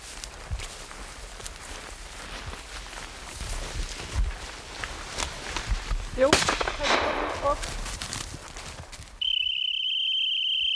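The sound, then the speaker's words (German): A rifle shot fired into the air cracks outdoors midway through, during a test of a hunting dog's steadiness to gunfire, a sharp burst over rustling, footstep-like noise and insect chirping, followed near the end by a steady, high-pitched whistle blast telling the dog to stop. “Es wird aber nur in die Luft geschossen.”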